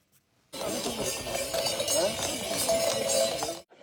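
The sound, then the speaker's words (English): Horses clip-clop past with bells jingling around their necks at the Chagu-Chagu Umakko Festival in Iwate Prefecture, carrying children on their backs along a 14-kilometer route; a steady, busy wash of hooves and bright ringing lasting about three seconds against a noisy outdoor background. “The name Chagu-Chagu is believed to come from the sound of the bells hung around their necks.”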